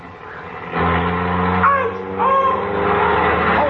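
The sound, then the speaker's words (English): A car engine kicks up to a louder, steady rumble and the vehicle pulls away, its low motor drone sustained, with a few brief higher whines riding over it. “Say, George, when you started the car, you bumped into him.”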